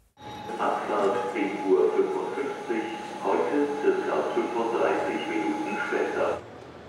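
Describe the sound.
Busy ambience at Hannover main railway station: a steady wash of indistinct crowd voices echoing over a low rumbling hum, moderately loud and continuous for several seconds.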